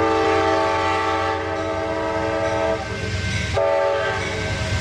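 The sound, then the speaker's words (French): An Amtrak train rumbles past while its horn blares in a loud, sustained chord of steady tones, with a brief dip near the end before the horn resumes over the low rolling rumble. “Et puis bien sûr, quand t'as le passage d'un convoi de chez Amtrak, eh bien, il faut s'arrêter.”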